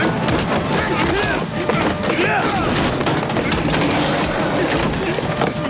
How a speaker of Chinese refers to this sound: 救护车刚驶出不远就遭到围堵拦截，棍棒疯狂砸向车身，现场瞬间陷入混乱。